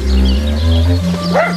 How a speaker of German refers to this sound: Wieso bellt der denn so komisch?